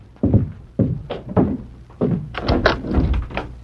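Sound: knocking on a door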